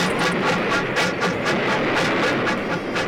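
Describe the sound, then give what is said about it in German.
A derailed steam train races on through sand, thundering with a dense, roaring rush and a fast, steady rhythmic chugging, loud and continuous throughout, with no voices. “Die Daltons springen zur Seite und der entgleiste Zug rast durch den Sand weiter.”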